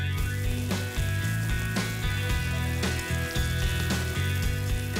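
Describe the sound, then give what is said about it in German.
A steady, crackling sizzle of an unseasoned steak searing in a well-heated frying pan, about a minute per side, with background music playing underneath the hiss and occasional sharper pops. “Das Steak in eine gut erhitzte Pfanne geben, vorher nicht würzen.”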